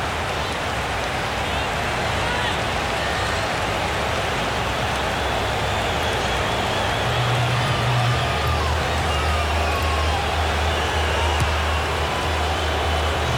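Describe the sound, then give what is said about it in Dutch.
A dense stadium crowd of Uruguay supporters roars steadily during a football match, chanting "Uruguay" in a loud, continuous wash of voices. A low sustained drone swells in partway through. “De laatste keer horen we Uruguay gescandeerd worden.”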